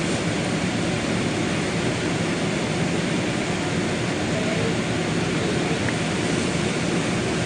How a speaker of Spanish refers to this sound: noche y coincidiendo con la llegada del presidente Abelardo de la Espriella, quien se ha puesto al mando de las operaciones, varios helicópteros sobrevolaron la ciudad.